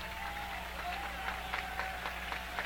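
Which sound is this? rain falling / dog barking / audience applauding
audience applauding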